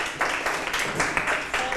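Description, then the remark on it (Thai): A class of children clapping together for a student called up to read a story aloud, a dense burst of quick, overlapping hand claps lasting a couple of seconds, with faint voices mixed in. “ปรบมือให้”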